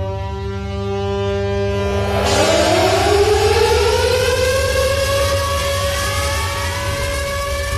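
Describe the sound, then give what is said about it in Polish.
Air raid warning sirens wail steadily and loudly, one rising in pitch after a couple of seconds to join a low droning tone, sustained throughout with no voices. The sirens sound at 4:45 at Westerplatte, Poland, opening the commemoration of the 87th anniversary of the outbreak of World War II. “Dźwiękiem syren alarmowych rozpoczęły się o 4.45 na Westerplatte obchody 87. rocznicy wybuchu II wojny światowej.”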